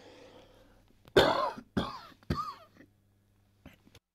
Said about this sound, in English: Sorry, he said not to cough.